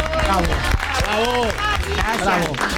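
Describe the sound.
A burst of steady applause with many hands clapping at once, joined by cheering and whooping voices, loud and continuous for about three seconds.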